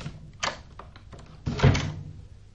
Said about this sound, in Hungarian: Ugyanis egy tenyérjós azt mondta nekem az egyszer, az ajtó hogy... önmagától becsukódik, mihelyt elengeded a kilincset.